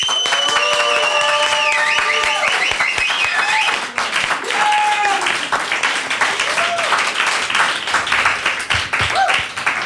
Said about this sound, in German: Ich freue mich auf jeden Fall, dass ihr so zahlreich hier seid und lasst uns die Personen an den Endgeräten zu Hause hören, wie viele wir sind. Macht einen großen Applaus für unseren heutigen Abend.